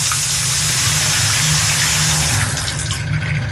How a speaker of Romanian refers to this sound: Dau drumul la apă caldă, dar bineînțeles că vine rece.